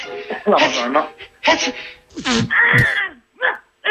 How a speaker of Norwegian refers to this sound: Jeg må høre på nysen en gang, da. Ja. Det var kult. Nesten som en hund, da. Ja. Det var bra. Få høre nysen en gang til, da.